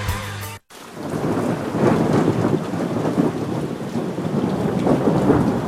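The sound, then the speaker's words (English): A thunderstorm rumbles steadily, with deep rolling thunder beneath a constant loud hiss of heavy rain, after a brief tonal burst and a moment of silence at the start. “Severe weather can strike at any time.”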